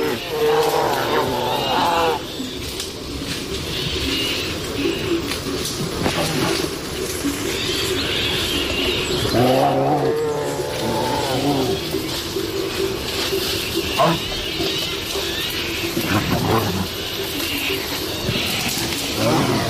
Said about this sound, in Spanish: Aquí escuchamos cómo una pareja de osos, un macho y una hembra, posiblemente en celo, están destrozando el monte.